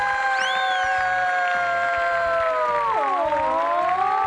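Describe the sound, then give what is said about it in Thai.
A front-row audience cheers in one long, loud sustained shout of many voices, holding a steady pitch before sliding lower near the end, with a hiss of crowd noise beneath. “ขอเสียงแถวหน้าเลยค่ะ”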